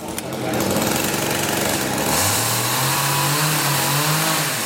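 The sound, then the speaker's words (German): A loud, continuous motor drone of chainsaws as sculptors cut rough contours into thick oak trunks in the castle courtyard in Steinach, Germany, during a sculpture symposium, the engine pitch rising and settling as the blades bite, with no pauses. “Die Bildhauer sägen die groben Konturen in dicke Eichenstämme.”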